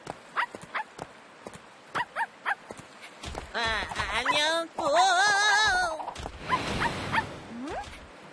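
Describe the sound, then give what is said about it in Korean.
A robot dog in Singapore gives a string of short, sharp barks, then a long run of high, warbling electronic whimpers that rise and fall, with a brief spoken greeting in between. “우와, 로봇 강아지잖아.”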